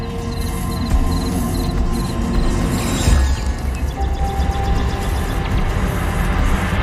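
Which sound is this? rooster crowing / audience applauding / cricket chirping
cricket chirping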